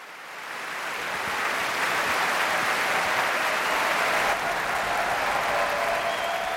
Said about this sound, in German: Und Sie hören es, ein derart begeistertes Publikum, das ist typisch für die BBC Proms, die Promenade Concerts, die jeden Sommer in der Royal Albert Hall in London stattfinden.